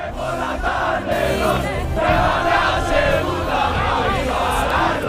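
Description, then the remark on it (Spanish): A loud crowd of Calvo Sotelo Portollano supporters chants and shouts "campeones" celebrating their league title, a dense, continuous wall of many voices with rising cheers and rhythmic yelled rhyming chants throughout. “Pues que siguen los gritos de campeones del Portollano, todo tipo de cánticos acaban de inventar, además que riman bastante bien.”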